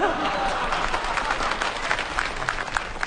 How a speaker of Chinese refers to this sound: 从大家的掌声啊，我听出来了 什么呀？ 大家还是比较喜欢我们俩的。 哎呦喂，牛哥心里真没数 啊！ 什么叫喜欢我们俩呀？人家鼓掌是喜欢我们俩当中的一个。 哦， 对不对啊？ 大伙儿鼓掌是喜欢我们俩当中的一个。